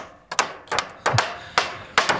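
Sharp hammer blows strike repeatedly outdoors as browse-protection fences are finished to protect young deciduous trees in the Harz, at a forester's district in Dreiannenhohne, Germany; several knocks at an uneven pace, some landing in quick pairs, clear with no voices.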